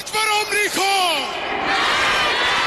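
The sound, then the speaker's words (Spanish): A large crowd in Tehran, at the funeral of Iran's supreme leader Ali Khamenei, shouts a chant of 'death to America and to Israel' in unison, loud, its voices rising and bending in pitch before dissolving into a sustained roar of many people. “En el evento emitido por la televisión pública iraní, se han escuchado gritos de...”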